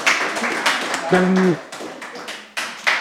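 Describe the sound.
Audience applause: a steady patter of many hands clapping for about three seconds, fairly loud, with a brief voiced tone rising over the claps midway through.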